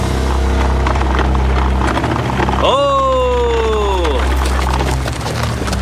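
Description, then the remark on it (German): The hooves of a stranger's two draft horses clatter over a steady low rumble of wagon wheels. Then a horse lets out a loud, wavering neigh that slides down in pitch as the team shies and comes to a halt in front of an overturned wagon. “Der Fremde näherte sich und seine zwei Zugtiere scheuten, als er vor Emanuels umgekippten Wagen zum Stehen kam.”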